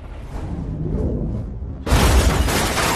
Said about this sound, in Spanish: La flecha explota, lanzando el auto por los aires en una enorme explosión.